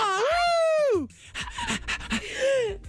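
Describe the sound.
A person imitates a dog while trying to sing a song's melody, starting with a sustained, wavering howl-like wail, then breaking into quick, breathy panting bursts and a short whine. Loud, with no other sounds.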